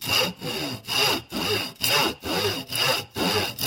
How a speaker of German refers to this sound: Ich mache dir einen Strich mit dem Bleistift. Dankeschön. Dann übernehme ich einfach das Sägen.